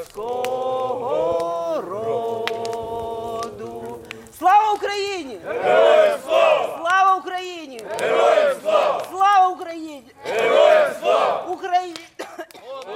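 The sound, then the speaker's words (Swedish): A group of Ukrainian soldiers sings the Ukrainian national anthem together around a campfire in the mountains at a recovery camp, starting with long held notes, then swelling into louder, rhythmic phrases with wavering pitch before fading at the end. “De har precis skickat upp röda papperslyktor och de sjunger Ukrainas nationalsång.”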